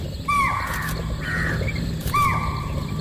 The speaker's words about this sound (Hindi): हमारी गाड़ी थोड़ी ही दूर बढ़ी थी कि हमको कुछ हिरण दिखाई दिए। हिरणों का कूनों में दिखना आम बात है। ये सांभर थे जो अलार्म कॉल दे रहे थे।